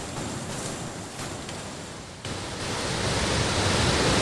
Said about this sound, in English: Quite a waterfall. Yeah, it's a lot bigger than the last time I was here.